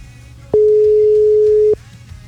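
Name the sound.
telephone call line tone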